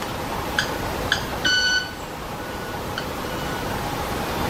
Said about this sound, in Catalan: Pensava que era un sai que s'havia posat en marxa. Quasi, no, és l'ocellet que va fent les seves... Sembla un timbre d'alguna cosa d'aquestes... Sí. Sí, mira com van fent.